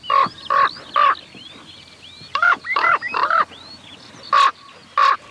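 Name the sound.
bird calling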